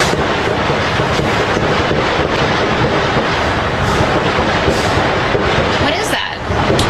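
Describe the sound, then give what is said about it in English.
Rapid gunfire from Secret Service agents shooting at a gunman, part of about thirty shots in total, many fired in quick succession, loud and densely overlapping into a continuous crackling barrage that runs for about seven seconds, with indistinct voices mixed in. “listen to the Secret Service make Swiss cheese out of this guy, right? Listen.”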